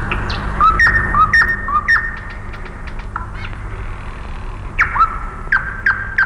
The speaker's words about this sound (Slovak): Tie slávičie trílky sú ako schody do výšav. Nesú nás stále vyššie a vyššie. Možno, že sú to schody.